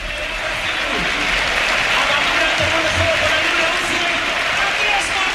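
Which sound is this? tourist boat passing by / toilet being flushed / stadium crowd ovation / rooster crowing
stadium crowd ovation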